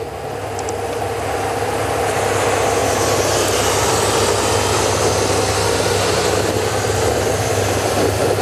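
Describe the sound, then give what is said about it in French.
A steady, loud roar of a camera helicopter's rotor and engine noise during a race fills the whole recording, a constant droning whir with a low throb underneath and no voices. “Faut s'accrocher avec les mouvements de caméra de l'hélicoptère.”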